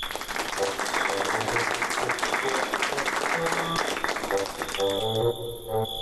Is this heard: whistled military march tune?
no